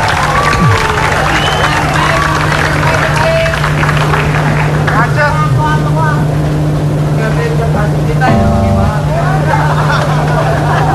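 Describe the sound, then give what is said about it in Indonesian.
A busy bus terminal bustles with overlapping voices of many people over the steady, loud drone of idling engines, with passing vehicles adding a constant traffic rumble throughout. “Wah, jadi inget di terminal.”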